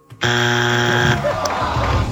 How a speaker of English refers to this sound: Oh, at the buzzer.